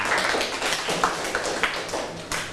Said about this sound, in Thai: ปรบมือให้เพื่อนกลุ่มที่2ค่ะ